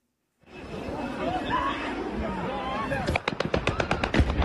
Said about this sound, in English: This is the moment a drone crashed into a busy shopping mall in southern Ukraine.